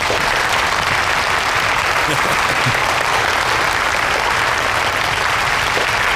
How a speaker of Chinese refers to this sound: 下面有请名誉董事长罗富涵先生讲话，大家掌声有请。